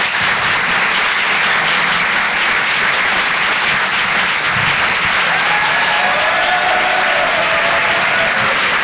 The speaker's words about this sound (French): Est-ce qu'on peut faire un maximum de bruit pour Guillaume, s'il vous plaît? Applaudissez-le bien fort, les amis, du bruit pour lui.